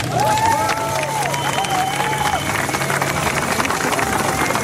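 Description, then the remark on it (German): A crowd applauding for everyone who was in Erfurt, a dense, even wash of clapping that holds its loudness throughout, with a few rising and falling whistles and faint cheers mixed in. “Einen großen Applaus für alle, die in Erfurt waren.”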